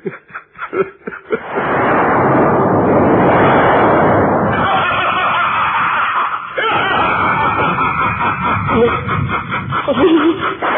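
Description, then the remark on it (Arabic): A wall cracks open with a loud, sustained rumbling roar that lasts several seconds, followed by rougher crackling noise. Short voice-like bursts come before it, and sounds resembling voices mix in toward the end. “الحائط انشق للصيد.”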